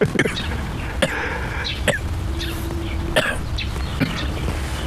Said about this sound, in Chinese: 你别咳嗽啊！你这一咳嗽，人家听见了，人家报到派出所抓你走，我得离你远点。